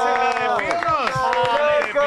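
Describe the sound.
A studio audience cheers and whoops loudly, several voices rising and falling together over a steady patter of clapping hands, close and continuous for the whole moment.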